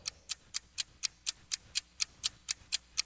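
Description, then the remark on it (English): A quiz game timer ticks steadily, about four crisp, bright ticks per second in an even rhythm, clear with no voices over it. “All right, start the clock.”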